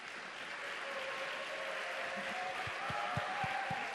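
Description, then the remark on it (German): A crowd applauds steadily, a dense wash of clapping holding at an even level for several seconds, with a few heavier claps and thumps toward the end. “Wenn es euch so geht, einen Applaus bitte.”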